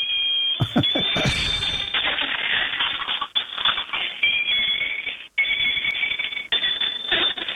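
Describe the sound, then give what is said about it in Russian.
A toy bicycle that rides along, its rider figure moving its legs and wearing a cow's head, gives off shrill, continuous electronic beeping and siren-like tones. A steady high-pitched whine holds throughout, broken by brief gaps, over a scratchy, clattering mechanical rattle. “Есть велосипед, который ездит и издает звуки.”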